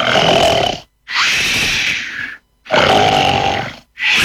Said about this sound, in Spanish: Ronquido número 3.